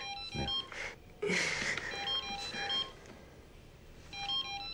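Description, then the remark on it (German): An electronic telephone rings in short repeating bursts of bright, beeping tones, fairly loud, with a brief rustle in between and no one speaking. “Das Telefon klingt.”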